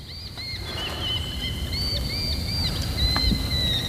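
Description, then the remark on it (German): Hawks, probably goshawks, give thin, high whistling calls, several drawn-out notes in a row, over a steady low rumble of water and wind. No one speaks. “Diese verdammten Vögel. Als würden sie uns belauern. Das sind vermutlich Habichte.”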